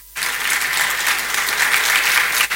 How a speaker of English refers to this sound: So a big thank you to His Royal Majesty, the Government Chair. A round of applause for him, please.